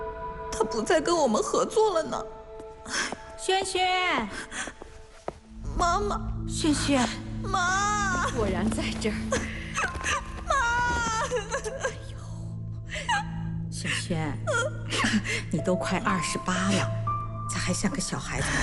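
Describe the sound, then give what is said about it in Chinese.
A woman of nearly 28 cries and sobs, her voice wavering and breaking into whimpering wails, with soft sustained background music entering partway through. “你都快28了，咋还像个小孩子哭鼻子啊？”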